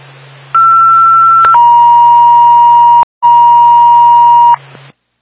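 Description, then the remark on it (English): A Twin State dispatch alert tone for Bethlehem Ambulance: a steady higher pitch for about a second, then a long, slightly lower steady tone, briefly broken midway, all loud over a low radio hum and hiss. “Stand by for tone.”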